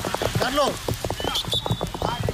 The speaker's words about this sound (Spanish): ¡Madre mía, vaya gotas, tío! Este ha sido el sonido de la tromba de agua que ha caído.